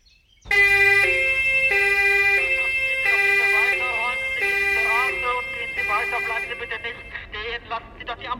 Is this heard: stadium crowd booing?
no